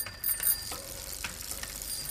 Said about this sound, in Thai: โอ้โหกลัวไม่รู้ว่ามีกระดิ่งกริ้งจักรยานหรือไงกดจังเลย แหมพี่ก็ฉันก็กลัวพี่จะหลบไม่ทันจะชนกันนะสิรถพี่อะกระดิ่งใช้ได้ไหมไม่เห็นเคยได้ยินเสียงกระดิ่งรถพี่เลย